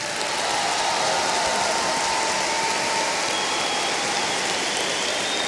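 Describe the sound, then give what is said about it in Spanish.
Sustained applause from an audience for the technicians of the Bafona company on tour, a dense, steady crackle of many hands clapping that stays loud and even throughout, with no voices standing out. “También les quiero pedir un aplauso para los técnicos del Bafona.”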